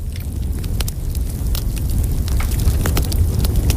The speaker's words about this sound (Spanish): Una hoguera. Una fumata. Sí. Cayendo chispas de la fogata.